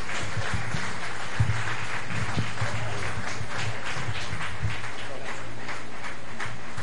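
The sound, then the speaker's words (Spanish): A church audience applauds steadily for God in honour of the pastor, a dense, continuous wash of many hands clapping at an even, fairly loud level for several seconds, with a low hum running underneath. “Si es para Dios, que se oiga fuerte ese aplauso.”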